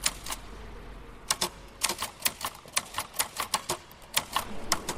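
A manual typewriter clacks in quick irregular bursts of sharp keystrokes, close and fairly loud, with brief pauses between runs and a quiet room hum underneath.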